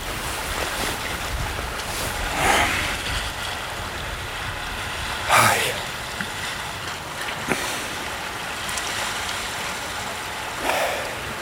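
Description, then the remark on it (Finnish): Waves wash onto a shore in a steady, hissing rush, with four louder breakers surging up every few seconds over a constant wind-like roar. No one speaks. “esimerkiksi tää paikka, missä nyt ollaan, niin kyllä tommonen niinku tasainen aaltojen murtuminen rantaan, niin sehän on semmoista niinku aika hypnoottista.”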